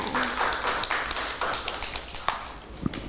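Children clap their hands in a scattered, uneven burst of sharp slaps, with many small hands joining in unevenly over a few seconds at moderate loudness.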